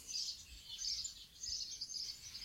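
Birds chirp and twitter continuously in the open air in the evening sun on Eckerkastanienweg in front of the church of Döblitz, a soft, busy chorus of high tweets with faint low background rumble and no voices.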